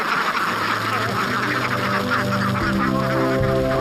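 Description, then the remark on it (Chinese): A large flock of trained egg-laying sheldrake ducks (ma ducks) in Lihua village quacking and honking continuously, a dense, loud, overlapping chorus of many birds with no pauses, the calls piling over one another throughout. “经过训练的麻鸭采食规律，产蛋率也高。”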